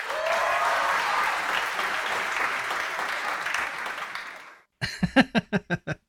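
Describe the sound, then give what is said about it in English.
A big burst of crowd applause, edited into the show as an added effect, dense and steady for about four and a half seconds, then cutting off abruptly, with a few quick syllables of talking following the break. “I'm going to put in a big applause there. I'm just going to edit it into the show.”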